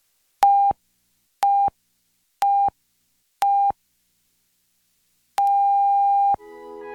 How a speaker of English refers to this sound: The National Research Council official time signal. The beginning of the long dash indicates exactly 1 o'clock Eastern Daylight Saving Time.